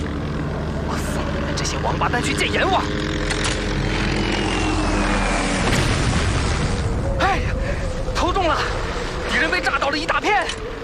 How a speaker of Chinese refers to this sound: 我马上拉起俯冲，你及时投弹。明白。我送你们这些王八蛋去见阎王！哎呀，投中了，敌人被炸倒了一大片。